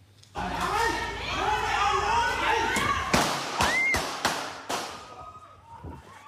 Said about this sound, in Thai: เสียงปืนดังขึ้นหลายนัดนะครับเกิดขึ้นที่ภายในโรงเรือนของสวนทุเรียนแห่งหนึ่งในพื้นที่บ้านเนินดินแดงตำบลทุ่งเบญจาอำเภอท่าใหม่จังหวัดจันทบุรี